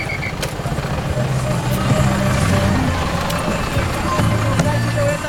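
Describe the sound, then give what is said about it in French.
A decorated Volkswagen minibus van used as a collectivo bus, with fringed curtains at the windows, rumbles: a low steady idle that shifts in pitch as it starts to move, surrounded by constant busy street noise and faint background voices. “Les bus s'appellent des collectivos, des fourgons Volkswagen décorés comme des roulottes, rideaux frangés aux carreaux, des vierges et les pattes de lapin sous le rétroviseur.”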